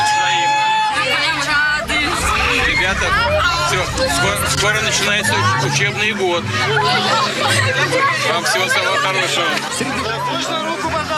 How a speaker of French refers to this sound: le président russe met en scène un de ses rares déplacements en Sibérie. Avec une foule très enthousiaste.